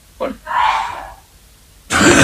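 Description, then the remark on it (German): A brief throaty burst, then a drawn-out voiced rasp, and finally a sharp, loud, noisy cough from a man cutting in at the end. “Da hat er gehustet, aber das schnell wieder durch weg.”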